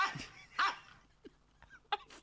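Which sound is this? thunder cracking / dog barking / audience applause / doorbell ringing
dog barking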